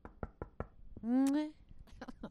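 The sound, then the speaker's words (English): Four quick knocks rap on wood in a steady rhythm, followed by a brief rising tonal sound, then a few more scattered taps, all fairly crisp. “Yeah, better knock on wood.”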